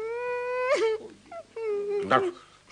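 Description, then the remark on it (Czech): Loud crying: two drawn-out wailing sobs that rise and break, each ending in a shaky, gasping burst, with a short whimpering breath between them and no words. “Tak dost už pláče.”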